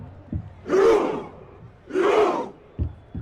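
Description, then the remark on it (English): A football crowd performs Norway's Viking Roar chant: two loud, roaring group shouts spaced about a second apart, with deep drum-like thuds before and after them. “Norway's Viking Roar has been a big hit in the United States, the soundtrack for a team enjoying their most successful World Cup campaign.”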